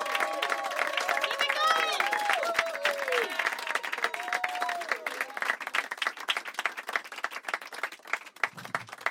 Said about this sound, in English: Keep it clapping until he gets here.